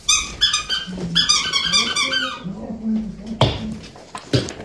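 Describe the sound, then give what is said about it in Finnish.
A dog named Papu whines and squeaks in a run of high, yelping cries, followed by a couple of sharp thumps as it scrambles very fast down the stairs, with no talking. “Ja sinne se papu taas kirmas portaita alas.”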